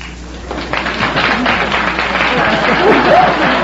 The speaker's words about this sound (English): Keep applauding, kids. Keep applauding.